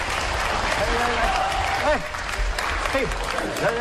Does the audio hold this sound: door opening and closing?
no